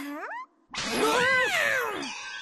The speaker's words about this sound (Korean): 그 고양이들이야.